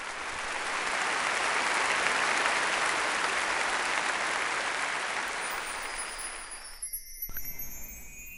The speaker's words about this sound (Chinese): 尽管如此，剧场里还是爆发出了雷鸣般的掌声。